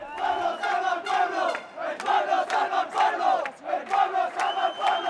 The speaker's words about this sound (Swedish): Fascister, bort från våra gator, bort från vår stad, skanderade en grupp människor som samlades på Plaza de los Reyes, där ytterhögerpolitikern Alvise Perez hade fått tillstånd att hålla ett anförande på lördagskvällen.